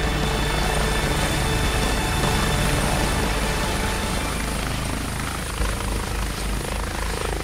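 A rescue helicopter flies by, its engine and rotors making a loud, steady roar that fills the whole clip with little change in level and no voices.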